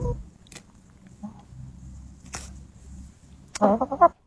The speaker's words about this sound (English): Yeah, it's not a trumpet. It's not a musical instrument. It's definitely chicken-related.